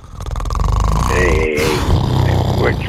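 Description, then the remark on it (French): A person makes a drawn-out, rumbling snore-like noise with their voice, loud, mimicking snoring in a mocking way before breaking off briefly and continuing. “T'es en train de me ronfler ça à cause d'en dire que je dis une niaiserie.”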